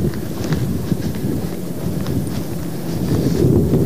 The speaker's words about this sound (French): Ah, y a un vent mauvais qui fouette en face du grand hôtel et des bistrots fermés de la digue de Dunkerque.